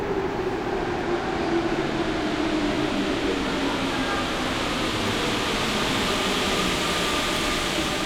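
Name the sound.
subway train riding ambience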